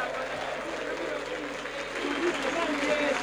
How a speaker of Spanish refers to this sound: A la cancha Ulises Sánchez con el número 15, se retira. Ovacionado con el número 9, Módica. Oh, escuchen, escuchen los aplausos, a ver.